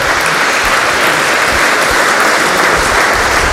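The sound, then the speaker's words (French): An audience applauds loudly and steadily in a synagogue, a dense wash of rapid overlapping claps sustained at an even level throughout with no voices breaking through. “Et je pense qu'on peut l'applaudir très fort.”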